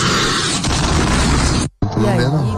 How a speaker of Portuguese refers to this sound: e de repente aparece, né, esse som de um míssil e depois uma explosão